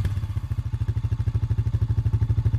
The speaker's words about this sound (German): Das klingt wie Papas Motorrad. Stimmt.